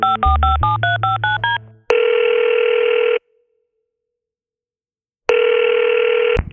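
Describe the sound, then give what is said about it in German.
A singer dials a number on his telephone in early 2010: a quick run of short keypad tones, followed by two steady ringback buzzes separated by a pause of silence. No one speaks. “Da nimmt … sein Telefon zur Hand und wählt eine Nummer.”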